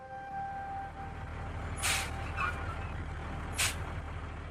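A car rumbles low as it brakes to a stop in front of an army group headquarters in Changchun, with three sharp, airy brake hisses in quick succession over the steady engine drone. No voices.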